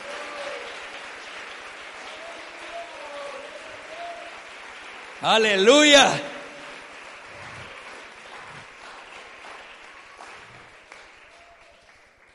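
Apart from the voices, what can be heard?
audience applause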